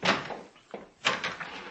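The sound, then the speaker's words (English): A hall door handle rattles and the latch clicks, followed by a couple of sharp clunks and a scrape as the hall door is pushed open. Short, moderately loud bursts with no one speaking. “Try the hall door.”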